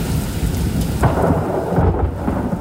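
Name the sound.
thunder crack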